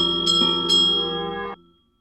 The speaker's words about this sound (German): Ungestüm riss Messle Thierry an der Glocke. Plötzlich hielt er inne.